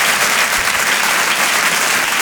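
Loud, sustained applause from an audience, a dense steady wash of clapping hands with no pauses and no voices rising above it.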